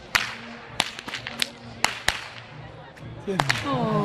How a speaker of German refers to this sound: Ja, und falls sich hier einer wundert, wer so gut mit der Peitsche knallen kann, das ist meine Tochter